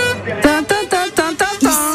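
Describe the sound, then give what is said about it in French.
A loud, brassy truck horn honks a quick run of short blasts at shifting pitches, almost a little tune, repeated about six times with no talking. “Bah, j'entends plutôt de gros klaxons dans mes oreilles, dans nos oreilles à toutes et tous. Et là, un klaxon assez particulier, je sais pas si vous l'entendez.”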